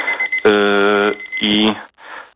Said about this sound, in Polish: Czyżby budzik to był? Nie, to nie był budzik, to był czas zaparzania herbaty. Właśnie mi minął, ale teraz rozmawiam, także nie ma problemu.